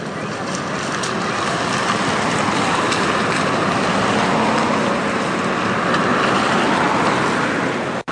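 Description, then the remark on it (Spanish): Continuous street traffic noise, a dense, steady roar of passing vehicles that stays fairly loud throughout before cutting off abruptly at the end; no clear voices stand out. “Y aparte los trabajos causan tráfico. Sí, a la hora pico está el trafical”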